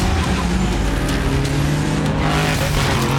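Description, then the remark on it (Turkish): Loud, steady engine roar of racing cars speeding by, with a continuous high-revving drone and shifting tonal whine, dense and unbroken throughout, no voices over it. “Bunlar nasıl arabalar?”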